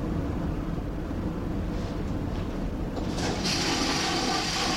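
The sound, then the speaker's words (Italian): A ferry toilet flushes with sea water after a lever is pushed down: a rushing burst of water that swells partway through, over a steady low rumble of engine noise. No one speaks. “E noi abbassiamo adesso questa leva che scaricherà sicuramente acqua di mare.”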